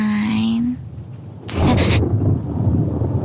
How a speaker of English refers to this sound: She lies in bed, watching bomblets of rain explode against her window skylight, counting the seconds. 2, 3, 4. Between the blindingly bright flashes of lightning. 6, 7. And the rolling booms of thunder.